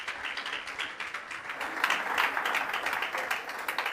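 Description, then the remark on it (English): Steady audience applause welcoming a Capuchin friar giving a conference, a dense wash of many hands clapping at once that swells slightly midway and holds at a fairly strong level throughout, with no voices standing out. “So let's welcome him with a big round of applause and enjoy this wonderful moment.”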